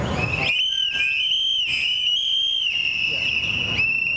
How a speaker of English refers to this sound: calls on the crowd to blow into their whistles, a popular tool to warn others of ICE activity, as they commemorate two men recently killed by ICE agents across the country.